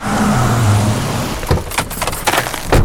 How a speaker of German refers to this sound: Das ist ein neuer Opel von Dürkopp? Yep, tolle Technik, klares Design,